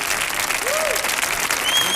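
A dense wash of audience applause fills the whole stretch, steady and fairly loud, with many hands clapping at once and a faint whistle rising near the end, welcoming a speaker introduced to give a talk about words.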